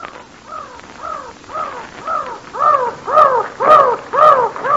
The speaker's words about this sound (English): But I wish those seagulls wouldn't fly so close to me. Them ain't seagulls, miss. Them's mountain crows. Well, they're awful mad.